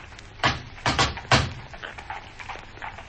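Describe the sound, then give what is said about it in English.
Three firm, evenly spaced knocks on the door of a jeweller's shop (Jabez Wilson, Jeweler) ring out, followed by a few faint, scattered clicks and shuffles as the sound dies away. “Now we'll try the door.”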